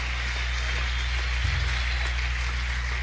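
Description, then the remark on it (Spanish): A dense, steady wash of applause, many hands clapping at once in a continuous crackling roar that holds at an even level for about three seconds, with a low hum underneath. “Si ese aplauso es para nosotros, está bien, pero si es para él, tiene que dárselo más fuerte.”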